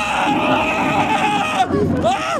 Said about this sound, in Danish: Virksomheden her åbnede i 1998, og så er det et sted, der får kunderne til at skrige.